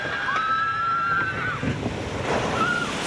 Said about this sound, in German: Platsch. So klingt eine Wasserbahn im Freizeitpark. Bisschen Nervenkitzel, aber vor allem auch ganz, ganz viel Spaß.